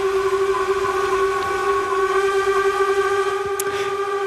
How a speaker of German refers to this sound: Ein Ton von einem Schiff, von einem Dampfschiff, und zwar von einem ganz speziellen. Genau, die Fans kennen es vielleicht gerade sofort. Das ist das Horn vom Dampfschiff Unterwalden. Das ist eines von 5 Dampfschiffen auf dem Vierwaldstättersee.